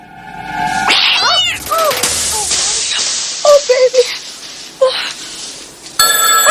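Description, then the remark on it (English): A wall-mounted telephone in a ransacked home lounge rings with a steady, buzzing electronic tone, broken by a cat's repeated rising and falling meows, before the ringing returns sharply at the end. “The lounge sofa lies in tatters behind her, and as she pauses by her wall-mounted telephone...”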